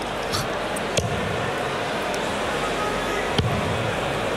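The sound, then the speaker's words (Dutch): Two sharp thuds of darts, flying at high speed, striking a dartboard about two seconds apart, cutting through a steady wash of background crowd noise and murmur. “Ja, ze komen met een godsvaart richting het bord gevlogen, die pijlen, ja. Ja, dat is een hoop gebonken.”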